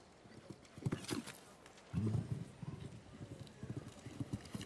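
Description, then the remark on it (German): A horse gallops between show-jumping obstacles in a jump-off, taking strides of nearly 5 meters, its hooves striking the ground in a quick, steady rhythm of dull thuds, with a voice briefly audible underneath. “Eieiei, da straft sie mich Lügen und das Pferd hier macht sich fast 5 Meter lang in der Galoppade.”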